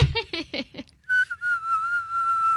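A person whistles one steady, sustained note, wavering slightly in pitch for over a second, fairly clear, after a few short voiced sounds.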